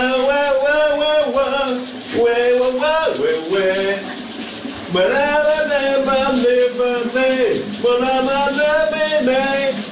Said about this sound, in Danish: Nu skal vi over til en, som elsker at synge, og det gør han her i radioen hver morgen, live fra sit brusebad.